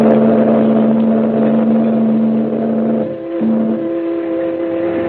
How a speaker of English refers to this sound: The man grabs the package, and the little launch moves away and heads up the coast as the liner churns off up the harbor.